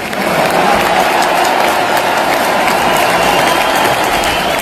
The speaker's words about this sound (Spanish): Y otra en el teatro en Madrid, en el Teatro Real, nada más y nada menos. Ovación para el tenor canario Celso Albero.